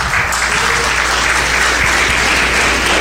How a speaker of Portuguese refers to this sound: Se essas palmas é para Jesus, tem que ser umas palmas mais bonitas, mais avivadas.